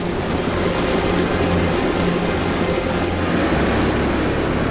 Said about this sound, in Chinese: 水流不断汇合，变成急流。